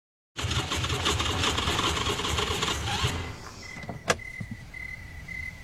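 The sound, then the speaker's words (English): A car engine runs with a steady rumble for about three seconds, then sputters out and dies as the car runs out of gas, followed by a sharp click and a thin, intermittent warning chime in the quiet. “I guess we gotta walk to get some gas.”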